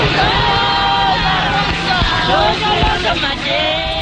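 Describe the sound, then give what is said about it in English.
A large crowd at the back entrance of the Pretoria court, South Africa, gathered to watch the accused being driven away to start life sentences: a loud, dense wall of overlapping voices with scattered shouts and calls rising above the steady hubbub throughout. “At the back entrance to the Pretoria court, large crowds gather to watch the accused being driven away to start their life sentences.”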